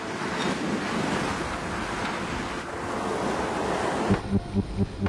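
A loud, steady roar of storm wind blowing outdoors, dense and continuous, then breaking into rough gusting buffets near the end. No voices.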